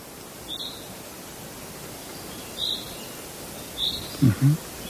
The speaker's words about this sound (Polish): Ten głos pierwszoplanowy? Pierwszoplanowy, tu nam się zięba odzywa.